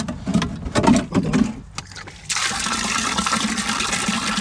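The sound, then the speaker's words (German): Water sloshes and splashes for a couple of seconds, then a steady broad rush of rainwater from a barrel in a garden pours continuously into a watering can, fairly loud, with no voices. “Und dann bringen wir es aus dem Garten hier in ein Fass und dann nehmen wir es raus noch.”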